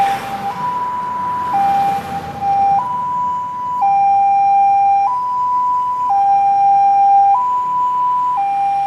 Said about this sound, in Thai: เสียงไซเรนของรถฉุกเฉินดังขึ้นนั่นคือสัญญาณเตือนภัยของชีวิตที่กำลังเผชิญวิกฤตสุขภาพอย่างเร่งด่วน